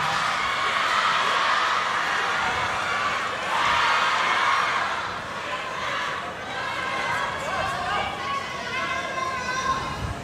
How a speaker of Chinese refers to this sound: 这个球确实可以把掌声送给双方运动员，这球打得太漂亮了。